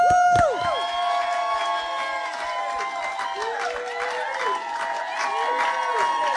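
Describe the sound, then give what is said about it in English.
A small studio crowd in the breakout room of the radio show Jonesy and Amanda's Saturday Jam whoops and cheers with scattered applause, many overlapping rising and falling voices keeping up a lively, steady din from start to finish. “And we've got a bit of a crowd as well.”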